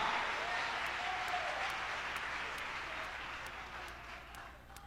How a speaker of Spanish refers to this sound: ¿Quién va a aplaudir al Señor bien fuerte? Aplauda, aplauda, esa presencia está aquí ahora.